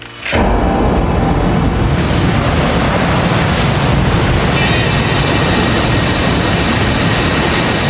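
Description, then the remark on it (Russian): A stormy sea roars loudly and without pause during a night storm, heavy surf churning as if right beneath a hotel balcony, with wind-blown rushing noise filling the whole scene and no voices. “Ночью разразился шторм. Казалось, море бушует под самым балконом.”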